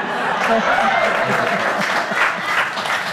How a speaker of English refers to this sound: Are you clapping because you liked it or because it's over?